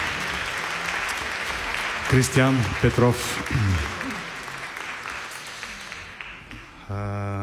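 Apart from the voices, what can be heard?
audience applause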